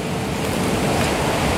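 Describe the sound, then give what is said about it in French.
A steady, broad rush of wind blows without pause, fairly loud, with a constant hissing roar and no voices. “Vous. Et le vent.”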